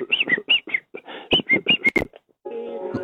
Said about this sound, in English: Nice whistle.